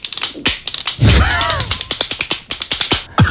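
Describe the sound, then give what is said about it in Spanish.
A children's toy hand clapper rattles in quick, uneven bursts of sharp plastic clacks, with a dense flurry near the start and a brief squeaky tone mixed in, then scattered clicks trailing off. “Esto es un aplaudidor de manos de esos como los que tienen los niños que van tiqui tiqui tiqui tiqui tiqui tiqui tiqui tiqui”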